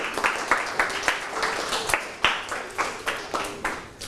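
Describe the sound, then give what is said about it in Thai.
A group of students clapping for themselves at both the broadcasting and receiving ends of a lesson, a steady patter of many overlapping hand claps with sharp peaks throughout, moderately loud and with no one speaking. “นทเจ้าหน้าที่ทั้งต้นทางและปลายทางปรบมือให้ตัวเองครับ”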